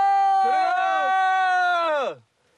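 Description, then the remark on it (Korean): A loud, drawn-out shout to hail a boat at the Naryn River, on the way to Kyzylbeit, held at a steady high pitch for about two seconds before sliding down and cutting off, with a second voice briefly joining in. “배를 타려면 이렇게 고함을 지르는 수밖에 없답니다.”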